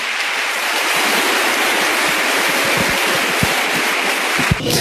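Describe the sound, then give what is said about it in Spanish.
A loud, steady wash of applause from a church audience, offered to God, dense and crackling with many hands clapping at once, holding at full strength for about five seconds with a few sharper claps standing out near the end. “Denle un aplauso, pero fuerte, al que está aquí en medio de nosotros.”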